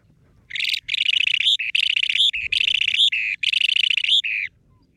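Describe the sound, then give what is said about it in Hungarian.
A bird that is rare in Hungary calls in four loud bursts of rapid, bright chirping, each lasting about half a second to a second with short pauses between, over faint low background rumble. “Nagyon aranyos egyébként a madárnak a kinézete, javaslom, hogy keressenek rá, és hogyha hallják, akkor nem tudom, jegyezzék föl, mert az lesz a hatodik regisztrált eset Magyarországon.”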